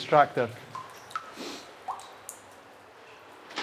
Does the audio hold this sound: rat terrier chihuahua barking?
no